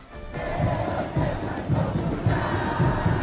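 A big crowd of Argentina and Algeria football fans packing Times Square, New York, during the World Cup roars and chants together, each side trying to out-cheer the other, a dense wall of voices with rhythmic surges roughly every half second, loud and sustained throughout.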